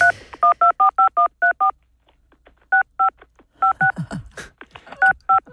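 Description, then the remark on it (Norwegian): Touch-tone dialing of a phone number on an old-fashioned telephone: a quick run of crisp dual-pitch beeps, a short pause, then another burst of keypad tones with some faint clicks mixed in, clear. “Sånn hørtes det ut da vi tastet telefonnummeret på en gammeldags telefon.”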